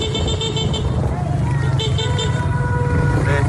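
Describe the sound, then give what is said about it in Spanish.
Steady road noise and a low engine rumble fill the scene, with horn-like tones and faint voices blending into the busy traffic outside a moving car, filmed from the car along an avenue in La Guaira after an earthquake. “Desde un coche graban una avenida en La Guaira, donde las torres de pisos están a punto de colapsar.”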